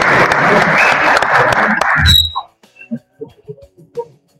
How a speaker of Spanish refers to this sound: Un aplauso. Bienvenido, profe.